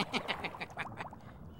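A duck quacks in a quick run of about four loud, nasal calls, followed by a softer, faster string of chattering quacks that fades out.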